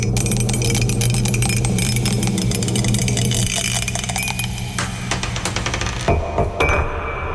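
A die, rolled to pick a category for a song search, rattles and clatters in a quick, irregular run of sharp clicks over a steady low hum, tapering off with a few final taps near the end.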